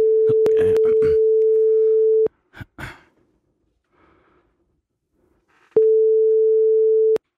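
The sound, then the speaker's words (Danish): A steady telephone ringing tone sounds for about two seconds, falls silent for several seconds, then rings again as a call is being placed. The tone is loud, with soft breathing audible during the pause. “Så ringer vi.”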